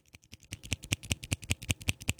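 A pen is absentmindedly clicked over and over by a woman in an office, in a quick, steady rhythm, about five sharp clicks a second, starting faint and growing louder. No voices.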